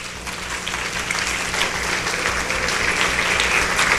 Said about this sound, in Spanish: Póngase de pie y dele un aplauso al Señor.